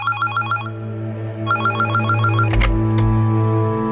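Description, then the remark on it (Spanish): A telephone rings in a house in Indian Creek, Miami, in two clear bursts of rapid warbling trills, loud, followed by a click as the receiver seems to be lifted, with a steady low hum underneath. “En Indian Creek, en Miami, en la casa donde reside habitualmente Julio Iglesias, suena el teléfono.”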